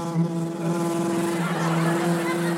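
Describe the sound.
A voice imitates a buzzing vibrator with a steady, low, droning hum that holds one pitch for nearly three seconds at a constant loudness, with no words spoken.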